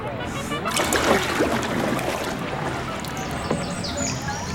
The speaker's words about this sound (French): Enfin un peu de calme. J'ai beau tendre l'oreille, je n'entends rien à part le clapotis de l'eau.